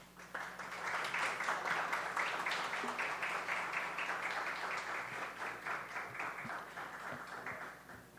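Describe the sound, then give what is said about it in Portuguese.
A sustained round of applause from a crowd at a Câmara Municipal de Viçosa session, saluting the owners of Manual Esporte Clube de Corrida: dense overlapping claps filling about eight seconds at steady volume before thinning slightly toward the end, with no one speaking. “A pedido do presidente, como nos permite o regimento interno, vamos saudar os proprietários, então, do Manual Esporte Clube de Corrida com uma salva de palmas.”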